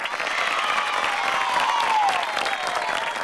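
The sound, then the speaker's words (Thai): Steady applause from a small crowd fills the whole few seconds, a dense even patter of clapping at a fairly loud level, with a faint cheer-like tone rising and falling beneath it. “ทุกคนเก่งมากเลยปรบมือให้ตัวเองหน่อย”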